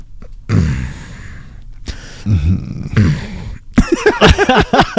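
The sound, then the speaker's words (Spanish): A person imitates loud, heavy breathing, three long rasping breaths in a row, followed by a burst of voiced sounds like laughing or talking. “O cuando estás viendo la televisión así y de repente hay un silencio y nada más escucha tu respiración así.”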